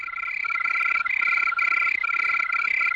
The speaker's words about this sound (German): Von diesem Brummbär jetzt zur singenden Grille. Grillen, habe ich gelernt, können zwar im Tempo variieren, also sie können schneller oder langsamer zirpen, aber das alles immer nur auf einer Tonhöhe.